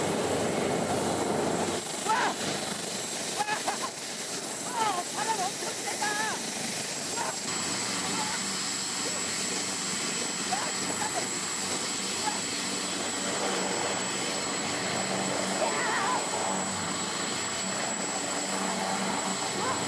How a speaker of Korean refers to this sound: 내가 탄 헬리콥터야. 멋지지. 어디서든 뜨고 어디로든 가고 어디서든 머물고 어디든 착륙하는 이 헬리콥터의 비밀은 뭘까?